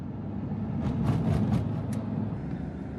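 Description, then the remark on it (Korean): Heavy road traffic rumbles steadily as colorfully decorated art trucks drive along the road at Taxila on the way to Peshawar, Pakistan, a low engine drone with a few brief hissing, rattling bursts in the middle. No one speaks. “탁실라는 페샤워르로 가는 길목으로 화려하게 꾸민 트럭들이 도로를 달립니다.”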